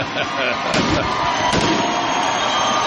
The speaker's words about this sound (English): As I think we have the grand finale here finally of this fireworks show. I want to go for a moment. I'll tell you this, it's impressive.